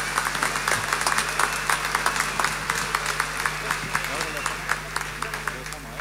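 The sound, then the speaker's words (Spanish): A crowd at a church gathering applauds steadily, many hands clapping in a dense, continuous patter with sharper individual claps standing out, sustained throughout with a low hum underneath. “Hagamos una cortina y un fuerte aplauso para todos ustedes por ese enorme esfuerzo que han tenido que hacer para estar acá.”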